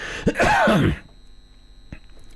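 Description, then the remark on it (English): One loud cough from a radio presenter with a lingering cough during a breakfast show at City Park Radio in Launceston bursts out, harsh and rough-voiced, lasting under a second before fading into quiet with a faint click. “Oh, excuse me, this cough just will not go away.”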